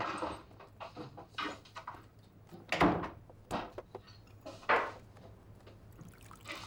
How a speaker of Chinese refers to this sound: 药放大了，快点开门，渴死我了。 哎，你慢点走，我开门。